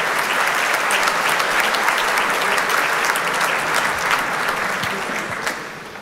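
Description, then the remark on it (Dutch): Sustained, dense applause from a large crowd of orchestra and audience for a composer's new work as he comes onto the stage, steady loud clapping throughout with no voices standing out, easing off only slightly at the very end. “Want hij zat hier naast mij, hij is naar het podium gegaan om het applaus van het orkest en van het publiek in ontvangst te nemen voor zijn nieuwe werk.”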